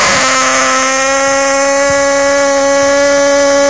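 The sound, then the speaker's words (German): A brief drum thump is quickly followed by a loud, sustained blast from a fan's horn (Tröte) cheering for Blau-Weiß-Wessebuhr at a match, a steady buzzing tone held at one pitch for several seconds with no voices. “Ich versuch das mit der Tröte. Letzte Chance. Einmal noch. Ich trommel und direkt danach du.”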